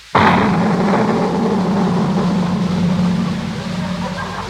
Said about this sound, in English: What in the world did you put in that cannon? It was just sort of a giant firecracker